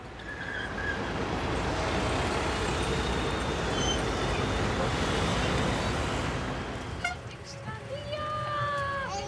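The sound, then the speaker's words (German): A sightseeing tour bus rumbles steadily through busy city traffic in Budapest, Hungary, its engine and road noise filling the scene, with muffled voices and a brief high squeal near the end. “Stadtrundfahrt per Bus durch Budapest.”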